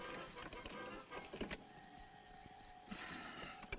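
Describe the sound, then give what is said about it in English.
A car starter cranks weakly and sluggishly as the battery goes dead, a strained electric whir with uneven pulses that drags on for a few seconds, with no one talking. “Battery's going dead.”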